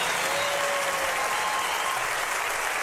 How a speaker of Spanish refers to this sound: Un aplauso.